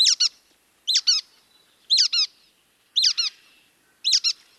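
A brown-headed nuthatch gives squeaky, high-pitched double notes, repeated five times at roughly one-second intervals, clear against a quiet background with no talking.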